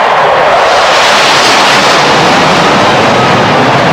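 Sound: jet aircraft flying overhead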